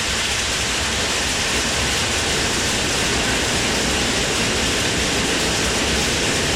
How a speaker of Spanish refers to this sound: Ahí está. Se escucha muy bonito y se ve hermoso. Así también. Es. A cántaros llueve en el barrio fino.